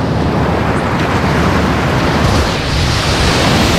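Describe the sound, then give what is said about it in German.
Steady, loud roar of surf washing onto a sea beach, a broad continuous rush with slight swells in intensity and no voices. “Man arbeitet in der Sonne, man ist am Strand, am Meer.”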